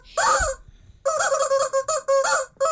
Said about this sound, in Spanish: Tenemos unos gallos nuevos hoy que nos acompañan.